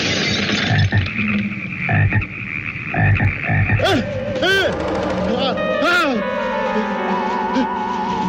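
A dense chorus of frogs croaking, layered rasping calls punctuated by a few rising, warbling chirps, with a steady tonal hum running underneath throughout.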